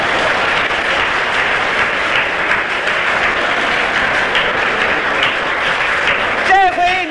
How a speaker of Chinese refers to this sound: 各位听众，庄则栋的高超球艺、充沛的体力、顽强的战斗意志和他惊人的速度，再一次博得了全场观众的起立欢呼。